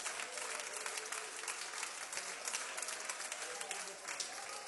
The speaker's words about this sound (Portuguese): Então vamos receber o servo de Deus, com as palmas para Jesus, a melhor, a melhor, a melhor!